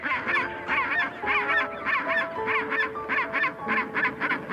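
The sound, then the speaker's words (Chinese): A noisy chorus of chinstrap penguin calls: harsh, honking brays repeating in rhythmic bursts and overlapping one another steadily throughout, with no voices. “雌性帽带企鹅的肚子下面露出了一枚卵。”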